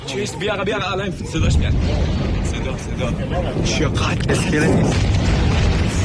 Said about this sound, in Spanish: Muchos son vídeos de las explosiones en la costa iraní difundidos poco antes precisamente por medios iraníes.